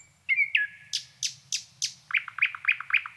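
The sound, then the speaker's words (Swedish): A nightingale sings alone at Krankesjön, perched close to the microphone: a loud sustained whistle, then five evenly spaced sweeping notes, followed by a quick run of sharp, bright chirps. “Ja, men det där var häftigt med näktergalen vid Krankesjön som satt helt nära mikrofonen och aldrig slutade sjunga.”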